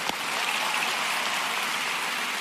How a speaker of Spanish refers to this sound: Y denle un aplauso fuerte, fuerte al Señor. Vamos, más fuerte.